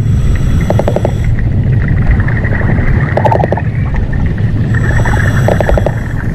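Brown meagre fish calling underwater over a sandy seabed, recorded with a hydrophone: three short bursts of rapid, buzzing knocks repeat every couple of seconds over a constant low, murky rumble.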